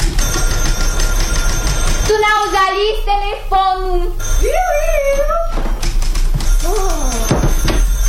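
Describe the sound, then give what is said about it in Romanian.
A telephone rings loudly in a series of warbling, stepped electronic tones over a steady hiss. A brief voice follows near the end. “Pot să răsuflu o clipă, că deși sună cineva.”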